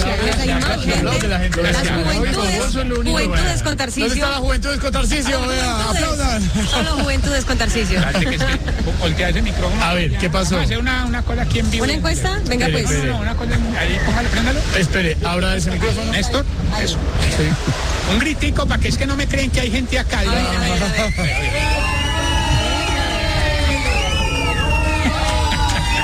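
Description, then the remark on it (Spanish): A dense crowd of adults talking all at once, a loud, continuous babble of overlapping voices with no single speaker standing out, filling the whole stretch at a steady level. “Esa es una bulla de gente adulta.”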